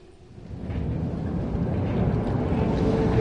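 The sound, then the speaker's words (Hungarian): A distant, late-running tram gives off a steady, deep rumble that swells over the first half second and then holds as a continuous low roar, with no voices present. “A megkésett villamos távoli zaja, mintha egy pillanatra erőt adott volna a megtámadott férfinak.”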